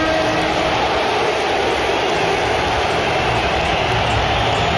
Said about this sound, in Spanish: y como tú bien decías, la ovación de la tarde, vamos a escucharla. Se la ha llevado el fichaje estrella del verano del Barça, Rodrigo Hernández.